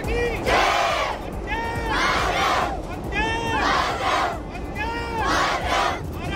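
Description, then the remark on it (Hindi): A crowd loudly chants Vande Mataram slogans in repeated rhythmic bursts, about one shout every second, with many voices rising together over a steady background roar, at a tricolour rally by CRPF personnel and children on the world's highest railway bridge in Reasi, Jammu, as a train passes. “CRPF जवानों और बच्चों ने निकाली तिरंगा रैली, वंदे मातरम के नारों के बीच गुजरी ट्रेन, देखते ही जोश से गूंज उठा पुल।”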